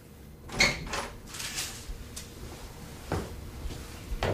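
A door is opened with a loud clunk and rattle near the start, followed by softer knocks and scrapes of the door moving, with a final thud near the end.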